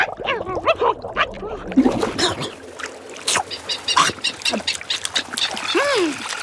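Albatrosses squabble in a crowded flurry of harsh squawks, honks and rising wails overlapping one another, with splashing and wing flaps, striking each other with wings and beaks on the water while feeding on bait around a fishing boat.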